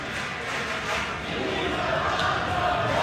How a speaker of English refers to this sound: Pete Alonso stepped up to the plate at the top of the ninth inning at Citi Field with 299 career home runs. The crowd screamed his name.